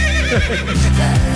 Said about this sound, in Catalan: El del cavall, clar.